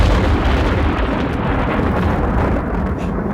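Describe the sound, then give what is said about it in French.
A loud roll of thunder from a thunderstorm fills the whole moment, a dense, steady low rumble with crackling texture and no clear pauses, heard alone without any voices. “Mais bien sûr, le grondement de l'orage, le claquement de l'éclair, que l'on a entendu 244 000 fois depuis le 1er juillet en France.”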